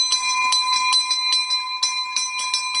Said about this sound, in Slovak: Tak vy už máte elektronický zvonec, ale tento asi zrejme používate občas. Samozrejme je veľmi blízky k nášmu srdcu, lebo tento zvonec ešte pochádza z pôvodnej budovy, sme ho stadiaľ ešte zdedili a ho chránime tu.